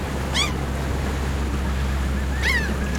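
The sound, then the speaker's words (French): A steady, rushing roar of waves breaking onto a nearby beach, with a low rumble underneath and two brief high bird cries breaking through. “regarda par la fenêtre les vagues déferler sur la plage toute proche.”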